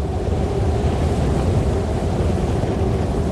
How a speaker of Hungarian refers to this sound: És azzal megparancsolta a szélnek, hogy tegye Pannát újra vissza a földre. Tyű, rázendítette erre a szél.